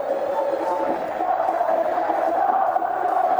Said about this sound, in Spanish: Bueno, se levanta la hinchada. Ahora sí. Con gritos, ¿no? Sí, sí, hubo un reproche generalizado.